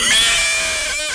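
A horse neighs once, a loud, close, high-pitched whinny that holds for about a second and slowly fades, with no talking over it.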